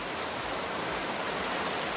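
Steady, dense rainfall hisses continuously across the whole stretch, a broad even wash of drops with no pauses, fairly loud, and no voices.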